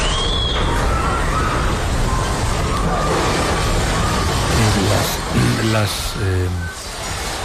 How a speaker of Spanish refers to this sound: Voy a recuperar un testimonio con el que abríamos el programa, que es tremendo, es el sonido de un terremoto.